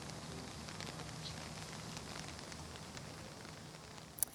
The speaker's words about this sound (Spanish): Anoche llovió, hoy está lloviendo también y esto no ha sido ni excusa para parar esta acampada aquí en Barcelona.